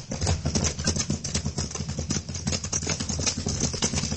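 Horse hooves clip-clop in a rapid, steady gallop as a horse carries two riders, loud, over a dense rumbling background that continues throughout.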